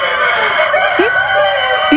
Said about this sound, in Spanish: Sí, sí, no son personas, son gallos. Pero están concursando en algo. Están concursando.